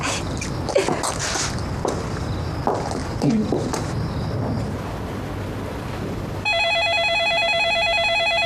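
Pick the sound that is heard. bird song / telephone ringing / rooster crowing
telephone ringing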